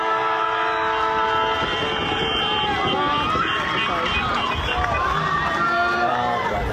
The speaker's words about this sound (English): Female football Gippsland held its ultimate round yesterday at Traralgon Rec Reserve. That was the final siren of the women's grand final where Boysdale Bryagalong defeated Moi 19-7.